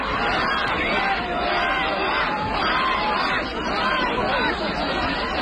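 A protest crowd in Lviv, Ukraine, shouting "shame" and jeering at military recruiters after turning over a Jeep used by the recruiters, a steady, loud wall of overlapping raised voices with no single speaker standing out, sustained for the whole stretch.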